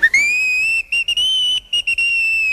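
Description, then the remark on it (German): The locomotive Emma gives a string of cheerful, high-pitched whistles: one long steady blast followed by several shorter toots broken by quick gaps, loud and clear with no talking. “Emma trug noch immer ihren großen goldenen Orden mit der blauen Schleife und stieß in einem Fort kleine Freudenpfiffe aus.”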